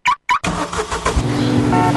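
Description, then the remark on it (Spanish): A car engine revs in two quick, loud bursts, then settles into a steady running roar as the car drives, its tone climbing slightly toward the end. Part of a station ID for Open Radio 106.9. “Sácanos a pasear en tu auto.”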